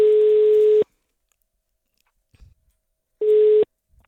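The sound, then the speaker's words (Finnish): A telephone ringback tone heard while a call connects after a phone number is dialed: a steady mid-pitched electronic beep lasting nearly a second, then a long silence before a second, shorter beep. Clear, no voices. “Ai että, tiedätkö, nyt mä oon tänne näppytellyt puhelinnumeron.”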